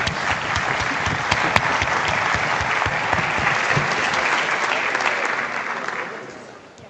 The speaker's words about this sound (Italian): Facciamo un applauso.